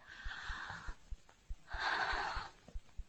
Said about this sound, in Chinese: 深呼吸，陛下。